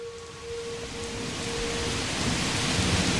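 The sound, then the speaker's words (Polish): Steady heavy rain outside the window hisses across the whole clip while low thunder rumbles underneath, slowly building in loudness. A faint tonal hum runs through the first half. No one speaks. “a jego głos był chłodniejszy niż deszcz za oknem.”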